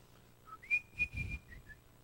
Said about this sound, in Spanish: Yo estaba niño, recién convertidito, tenía como 12 años. Y venía del colegio silbando alegre una canción.